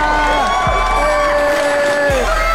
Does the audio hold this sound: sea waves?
no